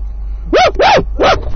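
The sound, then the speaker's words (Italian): A dog barks three times in quick succession, loud, each bark sharp with a rising-and-falling tone, over a low steady background hum. “Che c'è, cane?”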